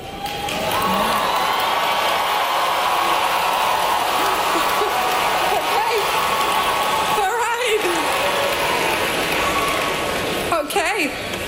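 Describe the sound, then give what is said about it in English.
The 2026 graduating class of the University of Central Florida booing and cheering at once at a real estate executive after she described artificial intelligence; a loud, steady roar of mixed voices that holds for the whole stretch without letting up. “getting booed and cheered, ironically, by the 2026 graduating class of the University of Central Florida after describing artificial intelligence as the next”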